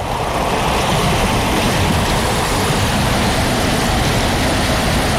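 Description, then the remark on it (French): Steady rushing of flowing river water, a continuous, fairly loud wash of noise with no pauses or voices, holding an even level from start to finish. “La rivière, c'est un bonheur.”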